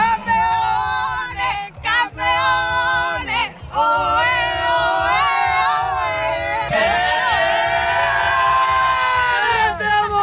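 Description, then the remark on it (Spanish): A crowd of nearly 8,000 people at the Plaza de la Música in Las Palmas de Gran Canaria, watching the football World Cup final, roars and cheers continuously, a dense wall of shouting voices with rhythmic chanting pulses, swelling louder and brighter toward the end. “Y en Las Palmas de Gran Canaria, en balance, casi 8.000 personas se acercaron a la Plaza de la Música anoche para seguir la final de la Copa del Mundo de Fútbol.”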